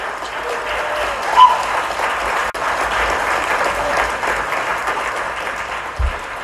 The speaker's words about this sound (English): Enthusiastic clapping there for the sale of Gus, the T-Rex fossil.